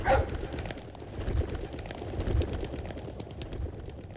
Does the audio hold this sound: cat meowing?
no